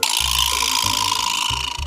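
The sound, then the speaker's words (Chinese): A percussionist demonstrates an asalato shaker from Africa. It rattles steadily with a dense, gritty clatter, pulsing in a quick rhythm of repeated strokes at an even, fairly loud level, with no voices. “首先，在我手里面的这架来自非洲的阿萨拉托， 这个叫做振动器。”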